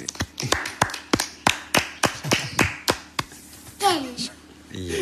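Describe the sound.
A small group claps hands in a quick, fairly steady run of about a dozen close, sharp claps, then a child's voice briefly cuts in before the clapping resumes.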